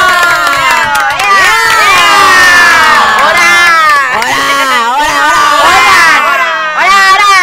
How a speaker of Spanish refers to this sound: y pues bueno, despedimos con fuertes aplausos a nuestros compañeros. ¡Bravo! ¡Bravo!